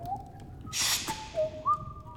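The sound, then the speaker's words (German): Someone whistles a short bird-like call, a few sustained and gliding notes, broken by a brief breathy rush in the middle, with no talking. “So hörte ich doch manchmal einen Vogel pfeifen.”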